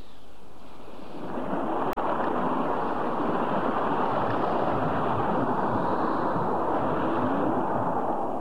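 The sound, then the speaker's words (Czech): Ocean waves roll and wash in a steady, loud rush against the left side of a ship while wind roars over them, rising after a quiet first second and continuing unbroken, with a brief click near the start. “Tlačil nás zezadu a teď máme vlny i vítr na levém boku.”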